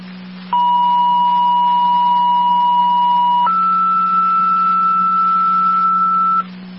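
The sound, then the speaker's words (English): Two-tone dispatch pager alert, the second set of tones for an EMS call: a steady tone for about three seconds, then a higher steady tone for another three, loud and continuous over a low radio hum, with no talking. “Rapids, your second set of tones for the EMS call on Dicinger.”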